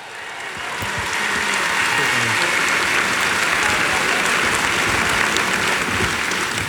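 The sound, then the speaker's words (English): Audience applause swells in within the first second and holds steady, a dense, even wash of many hands clapping at once with no voices standing out. “So give a big round of applause to”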